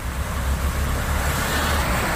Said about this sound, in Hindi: लेकिन यहाँ की सड़कें भी सागर जैसी ही दिखाई दे रही हैं और अगर कोई गाड़ी निकलती है तो सागर जैसी तेज लहरें यहाँ पर देखने को मिलती हैं। मूसलाधार बरसात से शहर में हर जगह लोगों की परेशानी बढ़ गई है। अब ये देखिए गाड़ी निकल रही है तो उसके बाद आप लहरें देखिए